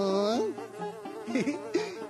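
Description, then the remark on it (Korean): A dung fly buzzes in flight, a continuous droning hum whose pitch swoops and wavers as it moves, lasting about two seconds with no talking. “똥파리님! 가루, 가루, 꽃가루도 데리고 가주세요.”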